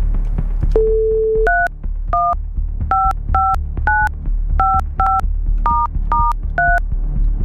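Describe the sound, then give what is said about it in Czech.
A telephone number is dialed: a steady dial tone, then a quick run of about ten crisp two-note keypad beeps in uneven rhythm, clear over a low line hum. “Je vytočeno?”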